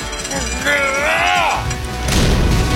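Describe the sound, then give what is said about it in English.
A heavy, hefty door is pushed and swings with a long, wavering creak from its hinges, then slams shut with a single loud, deep boom that rumbles briefly. “We're going to get this Chonkosaurus of a door to slam shut.”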